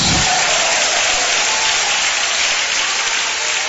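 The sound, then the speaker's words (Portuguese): An audience at a church service applauds the Lord together, a dense, steady wash of clapping from many hands at full volume for several seconds without any voices rising above it. “Quem aplaude ao Senhor e dá glória a Deus.”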